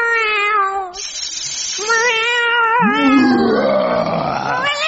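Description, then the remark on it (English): A voice does an impression of a dragon caught in a cat flap on the talent show Junior Opportunity Knocketh: loud, wavering cat-like yowls, a brief break, then a strained, sliding howl that rises and falls. No speech. “Their dragon caught in a cat flap.”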